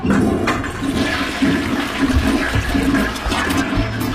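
A toilet flushes loudly, a steady rushing, gurgling surge of water that fills the whole few seconds without any voices.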